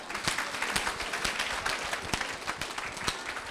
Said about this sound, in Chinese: 谢谢，最热烈的掌声啊！ 鼓励讲几句话，大家来掌声。